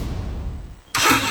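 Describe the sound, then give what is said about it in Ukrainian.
A low engine rumble idles for about a second, then erupts into a sudden loud, roaring rev that stays forceful to the end. “Газуємо!”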